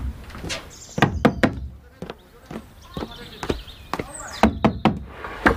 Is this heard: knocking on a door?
yes